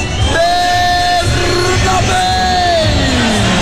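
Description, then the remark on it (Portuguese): A stadium crowd of Inter supporters roars and cheers loudly and continuously as an Argentine player is announced, with long sustained yelling voices standing out above the dense, steady din. “Muito aplaudido também o argentino.”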